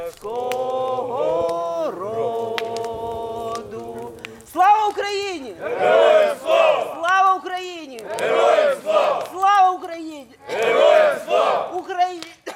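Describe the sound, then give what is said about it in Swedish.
A group of Ukrainian soldiers stands around a campfire under a starry sky in the mountains, at a recovery camp for soldiers and wounded veterans, singing the Ukrainian national anthem together after sending up red paper lanterns: loud voices in unison, opening with long held notes, then strong, rhythmic sung phrases. “De har precis skickat upp röda papperslyktor och de sjunger Ukrainas nationalsång.”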